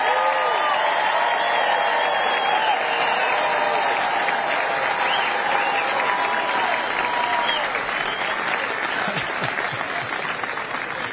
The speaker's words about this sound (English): And let's give a huge round of applause for the Texas Army National Guard soldiers who answered that call, stood the line on the southern border.